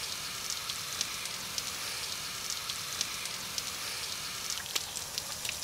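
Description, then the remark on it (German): Water sprays steadily onto an animal named Ole, making a continuous bright hiss with small irregular patters and splashes scattered through it. There is no talking. “Und er trinkt auch gerne aus dem sprühenden Wasser.”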